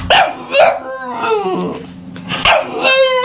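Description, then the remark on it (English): An adoptable rescue puppy in the NHL's annual Stanley Pup event whimpers in high, wavering whines, broken by a few sharp yips near the start and again toward the end, fairly loud with no talking. “It's an annual friendly event featuring 32 adoptable rescue dogs representing each NHL team as they search for their forever homes.”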